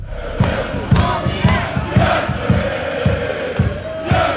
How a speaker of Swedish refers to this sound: Den här klacken, Björklövens klack, ja, den kommer Umeåsonen Lukas Wallmark att möta.